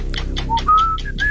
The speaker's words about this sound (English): Whistling.